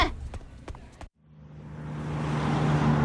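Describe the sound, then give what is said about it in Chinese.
A few clattering knocks, a brief gap of silence, then a bus engine starts up at a bus station as the bus is about to depart, its low rumble and hiss steadily growing louder. “上车上车啊，动作快点，马上就要发车了。”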